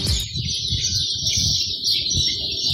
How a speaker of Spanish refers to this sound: Estamos acá en la Plaza Carlos Condel, con los pajaritos. Escuche, escuchemos los pajaritos, escuchemos.